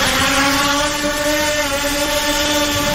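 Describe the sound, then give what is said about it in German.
A drone buzzes steadily overhead above a beach in Greece, its motor whine holding one even pitch throughout, loud, over a constant breezy hiss like wind at a beach. “Eine Drohne über dem Strand.”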